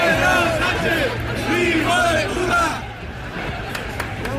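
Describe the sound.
A crowd shouts insults at the Spanish prime minister during the 12 October Día de la Hispanidad parade, many overlapping raised voices forming a loud, continuous roar for about three seconds before thinning out into scattered calls and a low hum.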